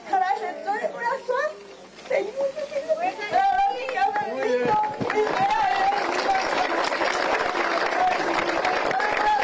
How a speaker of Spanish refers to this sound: Fuertes los aplausos.